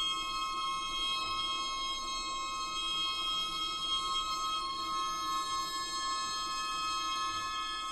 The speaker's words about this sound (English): These particular ringing tones come from a piece by …. ….